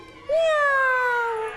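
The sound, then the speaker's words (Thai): A child's voice gives one drawn-out, high meow in imitation of a cat, starting sharply and gliding slowly downward before trailing off, fairly loud. “แมวเหรอใช่ไหมร้องยังไงลูก”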